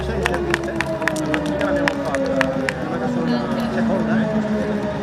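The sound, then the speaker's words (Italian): Scattered hand claps ring out from a crowd at a podium ceremony over a steady murmur of voices, sharp and irregular at first, then thinning out after a couple of seconds while the chatter continues. “Applausi a tutti, applausi meritatissimi, via via.”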